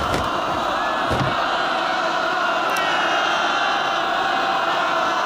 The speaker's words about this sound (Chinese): 成千上万的老百姓包围了列车，正在拆除北面的铁路。